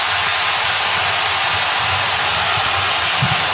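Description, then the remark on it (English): Colombian fans at a football match roar in the second half in a loud, unbroken wash of noise that holds steady for a few seconds, with a faint low rumble underneath and no clear individual voices. “And that's the loudest roar we've had from the Colombian fans in the second half.”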